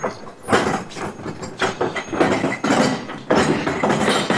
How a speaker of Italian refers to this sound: Sì, io tutte le mattine vengo, porto fuori il bidone del vetro.